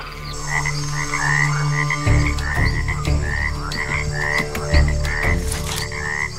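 Cane toads croak in a steady chorus, short rising calls repeating roughly twice a second over a constant low hum of night ambience, with no voices present.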